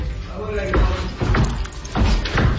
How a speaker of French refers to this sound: Alors, ce que vous entendez, ce sont les pas d'un orignal qui est entré dans une maison dans le quartier Cité du Golfe à Trois-Rivières.